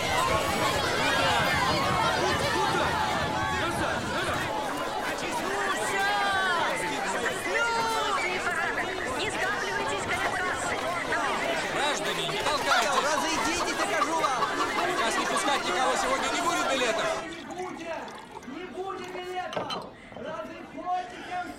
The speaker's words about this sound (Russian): Толпа пассажиров бросается осаждать вагоны поезда. Брест. Железнодорожный вокзал.